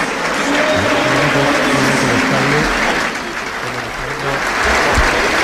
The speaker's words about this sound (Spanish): El público que aplaude y que recuerda a aquel magnífico futbolista que militara en el Liverpool, en el Hamburgo, y que fuera también seleccionador británico.